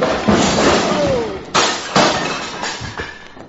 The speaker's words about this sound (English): The way you're hitting him, he's going to fall against the bar and upset those beautiful bottles.